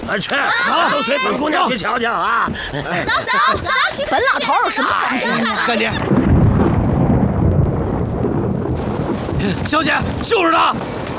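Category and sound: nature, thunder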